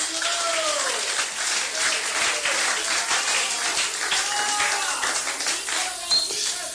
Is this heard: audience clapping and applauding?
yes